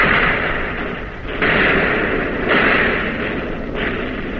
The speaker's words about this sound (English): You're on target again and firing. Not as fast, not as smoothly, and you're getting hit.